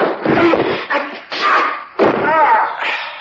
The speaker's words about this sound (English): I opened and shut the desk drawers a couple of times to cover your footsteps on the stairs.